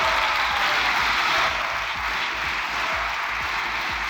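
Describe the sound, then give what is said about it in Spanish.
Loud, sustained applause from the Socialist bench fills the chamber of Spain's Congress after several initiatives are passed in a tense plenary session, dense and steady throughout, with indistinct shouts blended into the clapping. “Estaban esos gritos con los aplausos de la bancada socialista tras sacar adelante varias iniciativas.”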